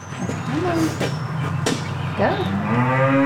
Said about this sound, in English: the massive black cow beside her